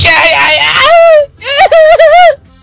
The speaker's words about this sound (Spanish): Excelente. Después de este gran grito, o qué podemos decirle esto.